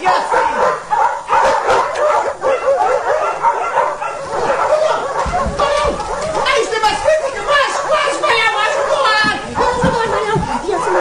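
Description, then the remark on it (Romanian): Several dogs bark and yip excitedly in a dense, continuous chorus, loud, with some whimpering mixed in and voices talking underneath. “Alo, nu-ți găsești și era, vrei să-i sfâșie câinii?”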